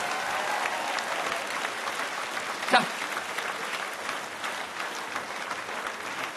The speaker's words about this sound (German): Ein großer Applaus nochmal